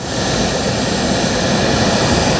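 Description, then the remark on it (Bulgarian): An F-16 fighter jet takes off from Graf Ignatievo air base in Bulgaria for a military demonstration in Sofia: a loud, steady jet engine roar fills the whole stretch, a broad unbroken rush with no pauses and no voices. “С тези думи и с уверена крачка майор Тодор Тодоров се качи на най-новия ни изтребител F-16, за да излети от авиобаза Граф Игнатиево за военната демонстрация в София.”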